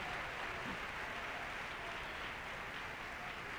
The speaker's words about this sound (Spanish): Dele un aplauso al Señor. A ver, todo el pueblo, dele ese aplauso al Rey.